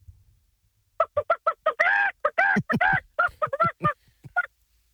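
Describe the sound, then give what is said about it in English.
At a chicken-calling contest at the Nova State Fair, a man imitates a chicken call with a rapid string of loud, clucking squawks and a few drawn-out calls, lasting about three and a half seconds with no other talk. “Have you ever called a chicken before?”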